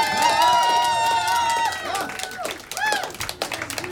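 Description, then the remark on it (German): A festival crowd applauds the festival's helpers and organizers with dense, continuous clapping, while cheers and a sustained high whoop or whistle ring out early, then scattered shouts rise over the fading claps. “Also, hey, bitte schnell einen lauter Applaus für alle Helferinnen und alle Organisatorinnen von diesem Festival.”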